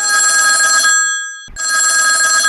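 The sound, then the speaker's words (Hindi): A telephone bell rings loudly in a steady, buzzing trill for a listener's call to the phone-in folk song radio programme Gaon Kar Geet, cutting off for a brief gap near the middle before ringing again. No voices are heard. “राम राम और जोहार कर संग उठात हूँ राउर मनकर फोन और गोट बात कर संग सुना थी राउर मनकर पसंद कर लोक गीत।”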